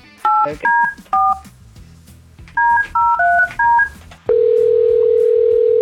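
Touch-tone dialing beeps in two quick clusters, short keypad tones a few at a time, followed by a loud, steady phone tone that holds to the end.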